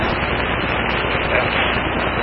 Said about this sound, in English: Pull those levers out and in to make this kind of robotic noise. You know, that sounds like a servo. I kind of figured out, okay, this is one of my issues.